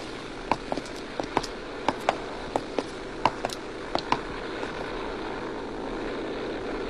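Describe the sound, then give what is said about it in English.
A Navion propeller airplane drones steadily and fairly loud after takeoff, a broad continuous engine roar, with a scattering of sharp clicks over the first few seconds and no voices. “Perfect takeoff.”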